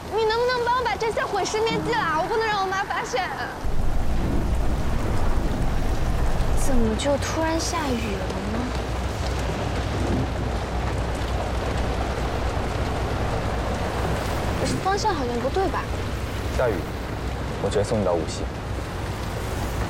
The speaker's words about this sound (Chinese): 怎么就突然下雨了呢？